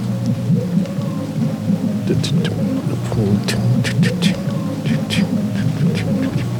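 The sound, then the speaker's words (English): Rain falls steadily in a soft, continuous patter, with scattered sharper drops standing out, beneath a low droning hum that runs throughout. “You can hear the rain.”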